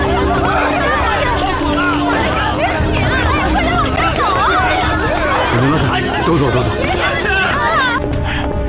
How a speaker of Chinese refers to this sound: 火警警报响了，咱们先离开吧。